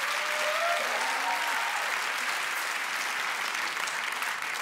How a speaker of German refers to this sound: Mega, ein Applaus.